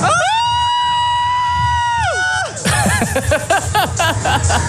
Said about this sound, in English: Maar ze willen in ieder geval wel heel hard gillen voor me. Oh, dat wil ik ook graag horen. Nou, could you give me that scream? The highest pitch one you got.